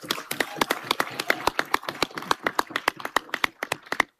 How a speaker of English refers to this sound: You know, that clap is not good enough, but we're in a transitioning time, reset. So we can start with a good clap and then the reset, really reset.